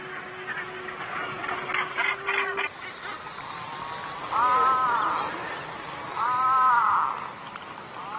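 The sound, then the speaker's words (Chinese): Gannet colony calls: a dense, raucous chorus of harsh, rapid cries, followed by two louder, drawn-out grating calls that rise above a steady background clamor. No one speaks. “苏格兰是憨尖鸟之岛，拥有世界上最多的憨尖鸟繁殖种群。”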